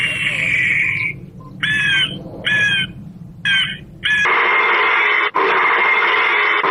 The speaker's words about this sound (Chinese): 为了防止野猪，安设的野猪驱离器，这一共是16种，有打枪声、杀猪声，这狼叫、虎叫，就各种叫声。 这是什么叫？狗叫？ 这是狗跟猎枪嘛。